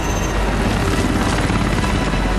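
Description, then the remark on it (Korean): Loud, continuous noise of Ethan's helicopter, leaking black smoke as it chases Walker: a dense roar of engine and rotor filling the whole moment with a steady, slightly pulsing wash and no voices. “에단의 헬기에선 시커먼 연기가 새어나온다.”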